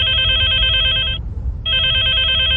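A telephone bell rings in two loud bursts with a short pause between them, a bright trilling ring over a low background hum, no voices.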